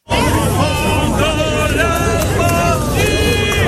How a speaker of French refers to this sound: Bonne foule dans le centre de Erevan.